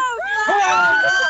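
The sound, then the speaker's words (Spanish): A group of voices yell together in one loud, sustained, energetic shout, a short team cheer from a small crowd of supporters for the Zona 19 team at a sports event. “1, 2, 3. ¡Fuerte! ¡Grito! A ver, una bombita para Zona 19.”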